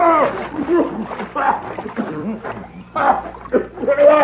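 Water splashes and sloshes as a dirty man is dunked in a ranch water trough, mixed with excited shouting and laughter from several people, the commotion continuous and fairly loud throughout.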